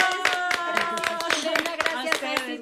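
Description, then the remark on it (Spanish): A small group claps in a quick, fairly steady rhythm for a guest while voices call out and cheer over the top, the applause lively throughout. “¡Aplausos”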